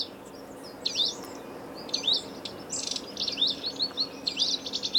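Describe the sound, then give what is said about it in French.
High, thin calls of a wallcreeper repeat in short bursts about once a second, clear over a soft background hiss, with no voices present. “Mon oiseau préféré, c'est le ticot de Romeschlette. C'est un oiseau qu'on peut voir en France, pas que en France, mais en France, qui vit dans les montagnes, qui vit sur les falaises.”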